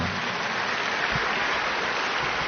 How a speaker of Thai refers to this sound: ขอเรียนเชิญพิธีกรมาด้านหน้าสักครู่หนึ่งขอเรียนเชิญเอาปรบมือพี่ๆพิธีกรหน่อยนะ